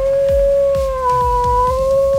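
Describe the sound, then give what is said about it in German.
A long, sustained wolf howl sound effect holds one steady mid pitch for a couple of seconds, loud, over a pulsing low beat that thumps regularly underneath; played on Radio Bamberg as the cue for listeners to call in and win a grill package. “Funktioniert ganz einfach, wenn ihr den Wolf hört.”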